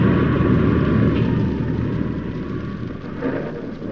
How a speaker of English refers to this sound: the wind and rain struck with a fury I'd never known before. It raged so violently, I was forced to take refuge under a huge tree, wait for it to subside.